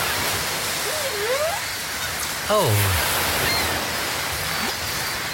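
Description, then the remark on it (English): Steady rushing surf fills the background while whale calls sound over it: a rising moan, then a louder, rich descending cry, and a faint upward call near the end. “Oh, wasn't that nice? There's whales and things there.”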